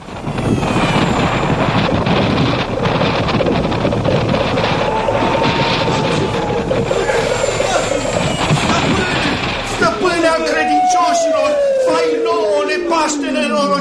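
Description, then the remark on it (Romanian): A loud, steady roaring rush of wind as Aladdin's palace flies through the wind like a bird, lasting about ten seconds, then thinning out into high whistling tones that glide downward in pitch. “Palatul lui Aladin zboară prin vântul ca pasărea cerului.”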